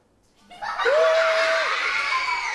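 A crowd bursts into loud, sustained cheering and screaming after a brief quiet start, with one high shrill voice standing out above the dense roar of many voices.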